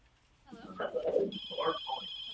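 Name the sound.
telephone ringing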